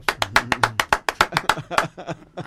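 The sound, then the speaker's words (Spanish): A quick, steady run of about a dozen sharp hand claps, bright and fairly loud, thinning out toward the end, with a low voice murmuring underneath. “Hagamos un aplauso, una pausa, una pausa.”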